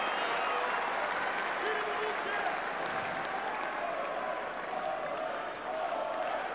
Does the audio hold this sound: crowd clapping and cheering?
yes